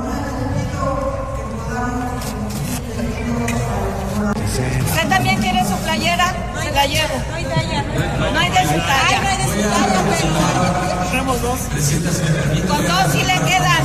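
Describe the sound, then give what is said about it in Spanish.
A large crowd of PAN party supporters shouts and chants together, calling on others to put on Rocha Moya's shirt, many voices overlapping in a loud, steady roar of rising and falling cries that continues without a break. “Adelante, vamos a escuchar más panismo gritando, pónganse la de Rocha Moya.”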